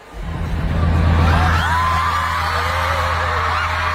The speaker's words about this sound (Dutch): Als je dit zou horen, normaal gesproken in een stadion, dan zou je geen idee hebben waarom iedereen aan het juichen is. Inderdaad. Op dat moment dan weet je inderdaad nog niet wat er gebeurt, maar je weet wel dat er iets aankomt.